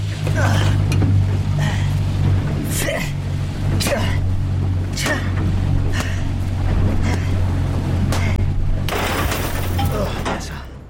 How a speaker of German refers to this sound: Doch plötzlich rasen Motorboote auf mich zu.